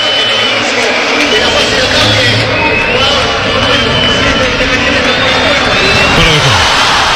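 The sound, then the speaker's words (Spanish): A loud, dense roar from Talleres fans in a football stadium as an Independiente goal is disallowed, a steady wall of shouting and cheering voices with no pauses or single voice standing out. “Se ha gritado más que un gol esto, Tan frágil la expectativa de Talleres que con la anulación del gol de Independiente la gente se puso de pie.”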